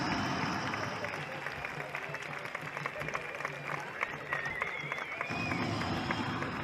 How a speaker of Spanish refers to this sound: ¡Ahí está! Bueno, esto se merece un aplauso superior, ¿o no?